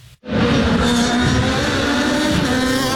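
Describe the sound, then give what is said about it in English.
After a split second of quiet, Indy race car engines burst into a loud, sustained high-revving roar, intense, with no voices, as the cars race by at the Honda Dealers Indy in Markham on Saturday. “As the cars raced by, many fans were entranced by the sound of those engines.”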